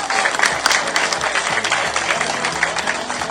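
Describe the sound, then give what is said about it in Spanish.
An audience applauds steadily: dense, sustained clapping that holds a fairly even loudness for several seconds, with faint crowd voices mixed underneath. “¡Para las palmas!”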